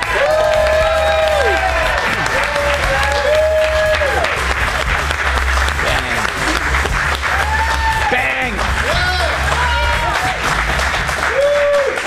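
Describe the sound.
A studio audience claps and cheers steadily and loudly as Fox News anchor Chanley Painter is introduced on a show, with whoops and shouted voices rising over dense continuous applause throughout.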